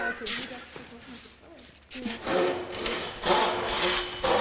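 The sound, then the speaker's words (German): Rasping back-and-forth strokes of an old hand saw biting through wood, drawn along its full length, repeating steadily in long pulls after a man briefly speaks. “Jawohl, die Säge ist ganz bezahlt, dann darf sie auch auf ganzer Länge benutzt werden.”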